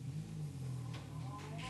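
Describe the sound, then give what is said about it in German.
A car engine hums loudly, its low rumble steady with a slight rise in pitch as the vehicle accelerates away. “Fahr los, alles ist drin.”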